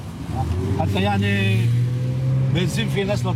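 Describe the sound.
A steady engine rumble of street traffic runs throughout, banged-up cars and old taxis idling and moving past, among them a yellow Camaro sports car, while indistinct voices talk over the noise.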